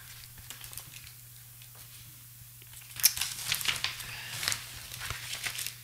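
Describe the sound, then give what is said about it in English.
Paper rustles and crinkles as sheets are shuffled and handled while someone searches for a small piece of paper, starting softly and growing into a busier burst of crackling over a steady low hum. “And I had another little piece of paper here somewhere.”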